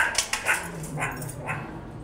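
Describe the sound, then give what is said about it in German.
Hungry meerkats call in a string of short, sharp yips and chirps, several bursts spaced about half a second apart, fairly loud against a low background hum. “Keine Frösche, sondern die Erdmännchen. Und hungrig wie die Wölfe.”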